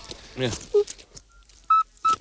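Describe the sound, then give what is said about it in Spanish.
A nocturnal toad's whistling call: three short, pure, beep-like notes, the first lower and the next two higher and evenly pitched, following a brief burst of voice and rustling. “Y es un animal de hábitos principalmente nocturnos, lo cual me cae bien, y su canto recuerda al silbido este que nos han puesto”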